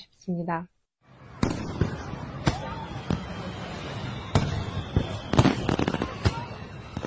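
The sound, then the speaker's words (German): Fireworks at the Seoul International Fireworks Festival in Yeouido Hangang Park by the Han River, Seoul, Korea, burst in a rapid, irregular series of sharp cracks and booms over a steady crowd rumble, following a brief voice at the start and a moment of silence. “Oh, das ist der Yeouido Hanggang Park, wo das berühmte internationale Feuerwerksfestival von Seoul stattfindet.”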